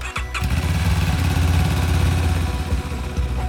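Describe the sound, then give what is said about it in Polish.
A new motorcycle ambulance of the Voivodeship Emergency Medical Service Station in Łódź, used for transporting blood and plasma, starts with a brief sputter and then runs steadily, a loud, continuous low rumble with a throbbing rhythm and no voices. “Nowy motoambulans w Wojewódzkiej Stacji Ratownictwa Medycznego w Łodzi.”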